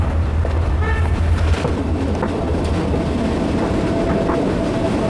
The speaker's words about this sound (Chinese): 时隔百年，这条曾经贯穿滇南地区交通大动脉的铁路已经成为旅游线路。火车缓缓而行，带给人们浪漫与休闲的体验。